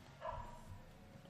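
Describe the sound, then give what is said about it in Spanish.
A single faint dog bark from a dog in the street outside on Calle de Alvear, heard through an opened window; short and muffled, followed by quiet street ambience with no voices. “Hay un perro ladrando en la calle.”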